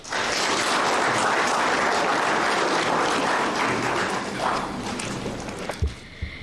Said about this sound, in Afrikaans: Kan ons asseblief hande klap vir hierdie ministerie?